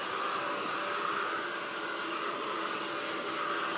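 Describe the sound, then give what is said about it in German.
A vacuum cleaner runs steadily at 6:45 in the morning, cleaning up dog hair, a loud continuous whooshing roar with a faint high whine, holding even throughout without pauses or voices. “Um 6.45 Uhr Staubsaugen.”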